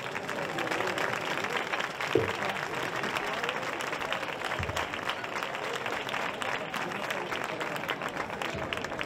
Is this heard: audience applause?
yes